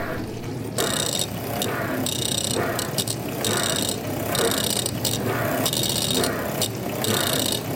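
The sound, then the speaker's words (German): A dishwasher, with a microphone placed directly in front of it, and a blender running together as a kitchen band: a steady low mechanical rumble underneath, with loud, rhythmic bursts of gritty whirring that start and stop in a repeating, groove-like pattern. “Die Spülmaschine groovt schon mal. Und der Mixer dazu.”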